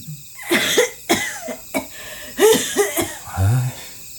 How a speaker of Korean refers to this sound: 방 안에서 기침 소리가 들리자 승범은 입술을 삐죽였다